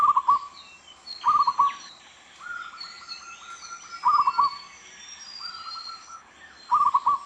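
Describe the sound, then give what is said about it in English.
Zebra dove cooing, a common sound in the main Hawaiian Islands: repeated soft, staccato trilling coos alternating with smoother drawn-out notes, clear, with faint chirping from other birds in the background. “Their soft, pleasant cooing calls are a very common part of our soundscape.”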